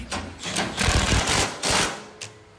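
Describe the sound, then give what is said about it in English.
An old car engine chugs and sputters in uneven bursts, a low rumble broken by loud, rough pops that rise and fall irregularly, with no voices. “What a funny noise it's making.”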